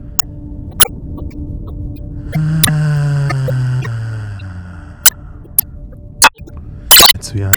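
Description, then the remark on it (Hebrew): A person hums on a long exhale during a breathing exercise, releasing held breath as a sighing sound: a steady voiced tone lasting about two seconds that drifts gently downward in pitch, with a few soft clicks in the otherwise quiet surroundings. “אפשר ממש להרגיש את הרטט של הצליל בכל הגוף. נוציא צליל של הנחה.”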